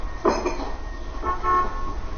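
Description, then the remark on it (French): A car horn gives two short toots, the first brief and bright, the second a little longer and steadier, over a low rumble of road noise. “Oui, c'est juste après le tutut.”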